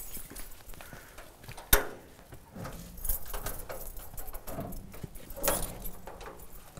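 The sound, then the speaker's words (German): Keys jangle and clink as lake supervision workers at the Ricklingen gravel ponds get their keys, with one sharp metallic knock early on followed by a few softer rattling bursts against quiet background shuffling. “Schlüssel hast du? Jo.”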